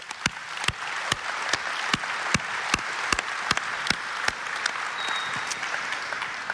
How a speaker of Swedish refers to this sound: Man blir glad när man möter lokalpolitiker och lokala tjänstemän av er kaliber. En varm applåd!